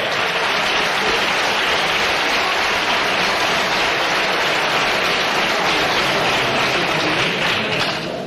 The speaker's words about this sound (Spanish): ¡Un aplauso muy fuerte para ella! ¡Nuestra sub-12!